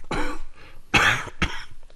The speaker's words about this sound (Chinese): 车轮快速旋转着，人力车上的幼春掩嘴咳嗽。